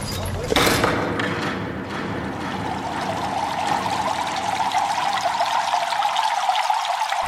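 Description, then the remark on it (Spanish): Water flows and pours steadily in the building of Roman thermal baths, a continuous rushing splash that begins with a brief burst and then holds an even, bright gurgle throughout, with no voices. “Estamos en el edificio de las termas. Aquí viene la gente a bañarse, pero a bañarse de una forma muy especial.”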